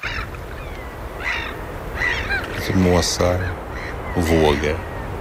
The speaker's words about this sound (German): Möwen und Wellen, guter Stoff, sagt einer der Moderatoren im schwedischen Radio. Es ist mitten in der Nacht. Irgendwo an der Küste rauschen die Wellen, Möwen schreien im Wind.